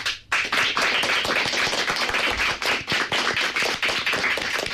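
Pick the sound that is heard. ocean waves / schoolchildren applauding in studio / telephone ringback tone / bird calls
schoolchildren applauding in studio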